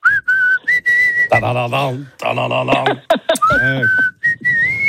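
A person whistles a melody in clear, sustained notes, with stretches of whistling broken by louder voiced vocal sounds in between.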